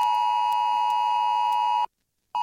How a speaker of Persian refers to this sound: این سامانه هشدار جدید تلفن همراه است. SA Alert، راهی سریع و مطمئن برای ارسال پیام‌های مهم و اضطراری به مردم، یا همان VMA برای حفظ امنیت و آرامش همگان.